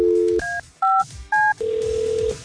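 A telephone call being placed to a contest entrant: a short string of crisp, two-toned keypad beeps, then a steady, sustained ringing tone on the line. It is clear, with no voices.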